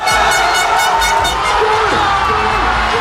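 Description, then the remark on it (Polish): A dense, roaring crowd of Spanish football fans cheers and shouts continuously in the streets of Spanish cities after the only goal, scored by Iniesta, in the World Cup final against the Netherlands, with whoops and rhythmic chanting pulses rising over a loud, sustained wash of voices and whistles. “Eksplozja radości na ulicach hiszpańskich miast po jedynej bramce w finale mundialu przeciwko Holandii wsiąkła w serce kibica reprezentacji”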